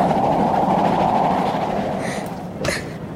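A steam train rolls steadily along the rails, a continuous heavy rumble and rattle that eases slightly toward the end, with a brief sharper burst of noise near the finish.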